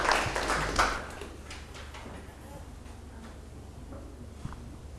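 A short burst of group hand clapping opens loudly, then thins to a few scattered, softer claps over faint background murmuring.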